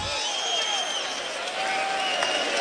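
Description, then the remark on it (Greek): A dense crowd of Panathinaikos basketball fans roars and cheers continuously in an arena during a game, a steady wash of many voices with sustained pitched shouts and chants rising above it, loud throughout with no pause. “Ακούγονται φίλοι του Παναθηναϊκού που θα δουν ψυχώ στην ομάδα του Αταμάν.”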